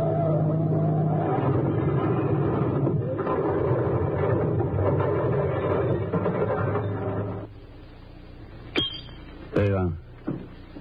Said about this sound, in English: Drive me over a cliff on top of a mountain.